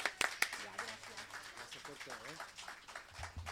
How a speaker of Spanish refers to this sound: sigamos con este evento maravilloso y un fuerte aplauso